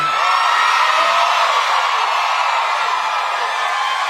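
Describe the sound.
Imitated shrill, sustained screaming of excited girl fans fills the whole stretch, loud, a dense wall of high-pitched shrieks with wavering cries rising through it and no pauses.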